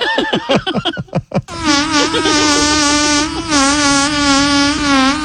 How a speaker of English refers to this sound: Did that fart not sound like a bunch of flies? Yeah, it did. Yeah, they did sound like flies around it.